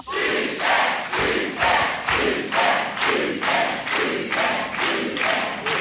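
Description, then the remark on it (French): A TV quiz show studio audience cheers and claps in a loud, steady rhythm, about one burst every half second, with shouting voices blended into the applause throughout. “Quelle super ambiance.”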